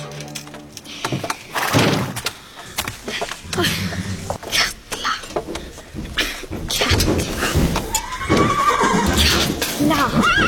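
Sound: horse neighing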